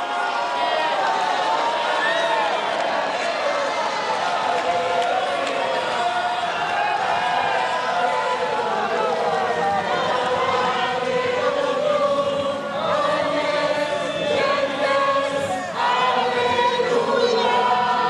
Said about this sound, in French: Et le pape donc descend du podium où il a chanté avec la foule « Salve Regina ». Et puis il va s'avancer vers la foule qui évidemment crie sa joie.